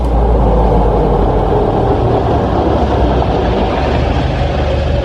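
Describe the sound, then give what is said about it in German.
A steady, loud interior rumble of a car driving, with deep low-end engine and road noise droning evenly throughout and no voices; a woman and her cat ride in it on a short drive to a beauty salon. “die beiden steigen ins Auto ein. Die Fahrt dauert nicht lange.”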